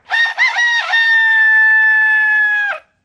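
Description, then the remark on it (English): A rooster crows loudly, a single call with a few choppy opening notes before a long, steady held note that cuts off sharply. No voices accompany it. “All right, you don't have to interrupt me by crowing loudly.”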